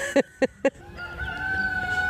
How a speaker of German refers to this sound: Und ein Hahn, der kräht. Davon haben wir mehrere.